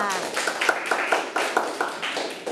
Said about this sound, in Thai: เด็กๆปรบมือให้เพื่อนทั้งสองคนด้วยค่ะ